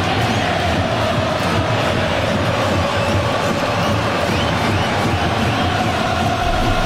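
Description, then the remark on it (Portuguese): Japanese football fans in a large stadium sing and chant continuously during a match against Brazil, a dense wall of voices at steady volume filling the whole stretch, with a faint sustained melodic tone running through the roar. “A torcida japonesa também não para de cantar.”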